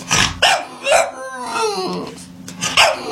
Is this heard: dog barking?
yes